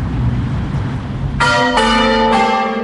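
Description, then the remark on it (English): Church bells peal out loudly, three bright overlapping strikes in quick succession, each ringing on with a long shimmering tail over a low rumble of background noise. “While making the story, I had two long interviews with my mum where we talked about bell ringing,”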